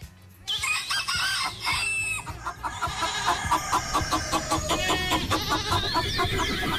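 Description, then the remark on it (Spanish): Chickens cluck busily in a dense, continuous farmyard chorus on a school farm in Vermont, with a rooster crowing loudly near the end, without any talking. “Es una granja. Recogen estiércol para el ganado, cuidan vacas, ovejas, caballos o gallinas, cortan leña, siembran cultivos, recogen frutas y hortalizas”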